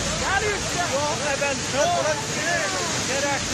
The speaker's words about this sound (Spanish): Y en Irán, las fuertes lluvias han ocasionado desastres inimaginables, pero ninguno como este que veremos a continuación. El agua llegó sin avisar y arrasó con todo a su paso como un monstruo con un hambre, pero de destrucción.